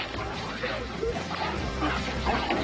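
In Germany, a dog named Zack barks and yips excitedly in quick bursts, with whimpering mixed in, greeting its owner returning home after eight months away, over a steady, loud jumble of commotion and clatter.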